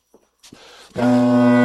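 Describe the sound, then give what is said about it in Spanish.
A few soft breathy puffs of air are blown into a bagpipe, then its drones abruptly sound in a pre-tone, not yet fully started, holding a loud, steady, buzzing low tone rich in harmonics until the end, with no voices. “Ya, ese aire que soplé se dirige a una especie como de prearranque de los roncones, es un como pretono.”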